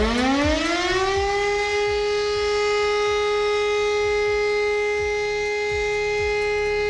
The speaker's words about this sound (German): Um Punkt 11 Uhr geht das Ganze nachher wieder los. Dann hören wir erstmal den Ton für Entwarnung und der klingt so.